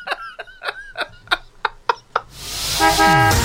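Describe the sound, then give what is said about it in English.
A quick rhythmic run of about eight short, bright horn toots, then a loud swelling whoosh with sustained chiming tones and a falling swoop, a radio traffic and travel jingle. No talking. “Anyway, do the traffic thing for me.”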